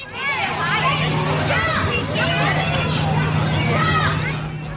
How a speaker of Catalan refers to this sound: Corredisses, xivarri, crits, riures, pilotes de futbol que boten... Efectivament, és un pati d'escola o d'institut.